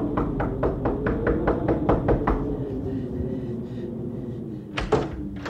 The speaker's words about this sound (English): It is freezing. Quick, knock at the door.